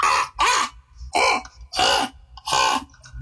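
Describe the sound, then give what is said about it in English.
A voice imitates a crow, giving four loud, harsh caws in a steady rhythm, each about a third of a second long with short pauses between, clear with no other talking. “The next one I like to do that I've been doing recently is the crow.”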